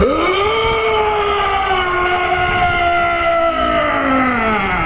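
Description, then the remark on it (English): A person voices an imitation of a hodag's call at the Hodag Calling Contest of the 2026 Hodag Heritage Festival in Rhinelander, Wisconsin: one long, loud, unbroken wailing howl that swoops up at the start, then slowly sags lower in pitch for about five seconds. “Not a lion, not a bear, and definitely not a fox. That is the sound a hodag makes, or at least that's what the judges think.”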